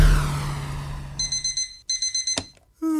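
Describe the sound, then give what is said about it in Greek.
An alarm clock rings with rapid, high-pitched electronic beeps in two quick pulsing bursts, following a fading low hum and ending with a brief rising tone. No one speaks. “Ξύπνησες, φύγαμε δυνατά.”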